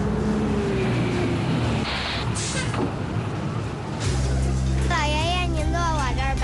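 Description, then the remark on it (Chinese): A Route 5 city bus pulls into the stop, its engine rumbling low and steady, with a brief hiss midway, as waiting passengers are asked to queue. Voices briefly chatter toward the end. “五路公交车马上就要进站了，请大家自觉排好队。”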